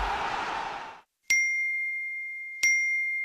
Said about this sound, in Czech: Čekaj, čekaj, eksplodirat će mi telefon. Svi mi nešto javljaju.